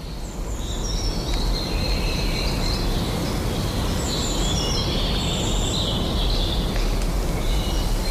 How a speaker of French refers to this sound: Il y a toujours l'éclat de ces oiseaux.